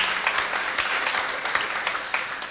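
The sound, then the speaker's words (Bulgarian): An audience at a Bulgarian National Radio music event applauds a composer steadily, a dense wash of many hands clapping at once with sharper individual claps popping out now and then, fairly loud and without any voices. “Аплодисменти още веднъж за тази велика личност.”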